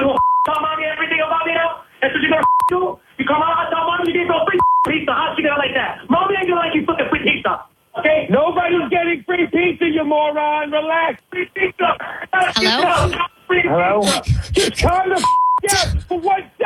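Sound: telephone keypad dialing tones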